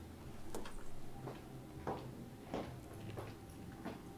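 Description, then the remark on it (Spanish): Three knocks, then a faint series of about six soft thuds at a steady walking pace, footsteps going from the living room toward the last door, the bathroom, against a quiet, hissy background with no talking. “Se escucha claramente cómo tocan tres veces. Se escuchan pasos que van de la parte de la sala hacia la puerta última, que es la del baño.”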